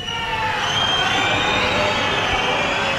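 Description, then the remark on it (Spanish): A protesting crowd in Pamplona whistles and shouts nonstop against the president of the Government of Navarra at a Guardia Civil parade, shrill piercing whistles layered over a dense, loud roar of voices that holds steady throughout. “Pitidos y gritos en contra de la presidenta del Gobierno de Navarra que intentaba participar en ese desfile de la Guardia Civil en Pamplona.”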